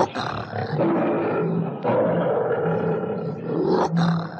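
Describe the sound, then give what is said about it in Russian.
A lion roars loudly, a long rumbling bellow that swells and holds for several seconds with rough growling texture, followed by a short sharp break near the end. “Уходи немедленно. Отойди от льва.”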